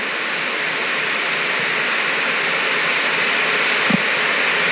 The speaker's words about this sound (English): Well, there's nothing but static on the screen. That's to be expected since there are no longer analog stations.